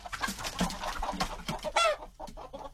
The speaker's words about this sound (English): Oh, the joy of chickens.